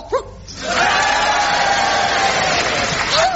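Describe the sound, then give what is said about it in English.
After a brief vocal yelp, a woof from the character Spot, a crowd bursts into loud, sustained applause and cheering, a steady roar with a held whooping tone that lasts nearly three seconds without letting up. “Oh, just Spot getting another cheap round of applause.”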